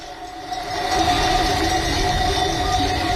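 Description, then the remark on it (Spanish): Many cowbells clank together in a dense, continuous jangle as a livestock herd moves along during transhumance, the droving of livestock from summer mountain pastures down to the valleys, with ringing metallic tones over a steady rumble. It swells slightly after the first half-second, and no one speaks. “Es una mezcla de cencerros y también, si afinamos bien el oído, habrá por ahí algún perro.”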